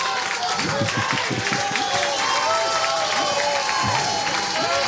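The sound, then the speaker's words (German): Steady audience applause fills the whole stretch, a dense crackle of many hands clapping at an even loudness, with scattered voices and cheers mixed into the crowd noise. “Und das ist auch einen Applaus wert, meine Damen und Herren.”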